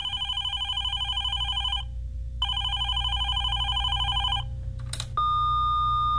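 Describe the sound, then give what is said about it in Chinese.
A telephone rings twice in long, warbling electronic bursts separated by a short pause, followed by a click and a steady beep tone like an answering machine picking up. “现在不方便接听电话，若有急事请您留言，谢谢。”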